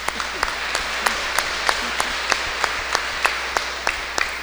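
An audience at a Catholic Mass on Holy Trinity Sunday applauds a girl turning 7, in a steady, even rhythm, sharp claps landing about three per second over a continuous wash of hand noise, moderately loud and with no one speaking.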